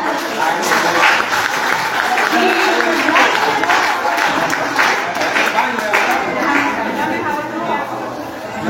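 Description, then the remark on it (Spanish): Steady, loud applause from an audience at a community gathering of older adults fills the whole stretch, dense clapping mixed with crowd chatter and a few voices rising over it. “Así es que agradecer a Niña Viva porque siempre va a tomar en cuenta como me han de salud para estar en estas actividades, en estas reuniones, y vamos a brindarnos un fuerte aplauso.”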